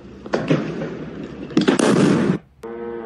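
Two booming explosion blasts from a missile interception over Kyiv, Ukraine, during an attack on the Ukrainian capital, each a rough, rumbling roar lasting under a second; the second is louder and longer. A steady humming tone with harmonics follows.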